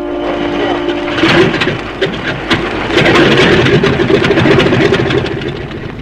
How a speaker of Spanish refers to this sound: y en unos minutos más, la pequeña avioneta tripulada por Calimán tomó tierra.